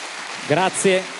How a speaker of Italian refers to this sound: E adesso proseguiamo l'applauso per il giornalista e scrittore, autore del libro La Buona Destra, Filippo Rossi, la cui parola è Europa Nazione.